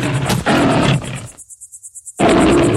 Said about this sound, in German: Da kam plötzlich ein junger, starker Löwe, brüllend auf ihn zu.